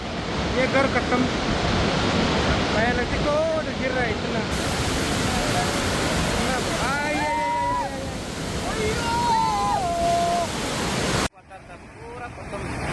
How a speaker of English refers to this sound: Residents reported that floodwaters entered homes and swept through agricultural fields shortly after 6:30 a.m.